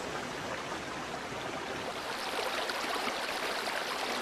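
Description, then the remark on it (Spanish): A river's cascades, descending from national park heights into a canyon, splash over rocks in a steady, dense rush. The roar holds constant and moderately loud throughout, with no voices or other sounds. “El rumor que del agua se escucha en su profundidad embelesa los oídos, mientras que la contemplación del agua derrochándose y saltando entre las rocas anonada la vista.”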